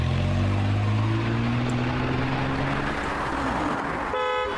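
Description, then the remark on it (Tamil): A car engine roars, its pitch climbing as the vehicle pulls away, with a brief horn toot just before the end. No one speaks. “So குயிக்கா கார்ல ஏறுங்க. இப்போ நம்ம எங்க போறோம்?”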